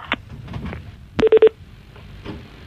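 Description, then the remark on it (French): A phone call being dialed to someone's home: a quick run of three short, bright touch-tone beeps in close succession, loud over a faint rumbling background, with a few soft clicks before and after. “décroche, allez, ça sonne.”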